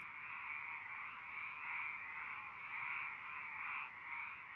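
A dense chorus of frogs croaking steadily and continuously, many voices blending into a buzzing, gently pulsing wall of sound, with no talking.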